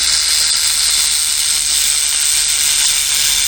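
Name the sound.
rattlesnake rattle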